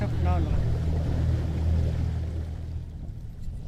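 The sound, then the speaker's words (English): A small motor skiff's engine drones steadily as it is navigated through brush, a low rumbling hum with water sloshing and brushing noises around it, fading slightly toward the end. “His new skiff, bought with money made as a construction worker repairing the village, is harder to navigate in the brush than his mud boat, which was damaged during Halong.”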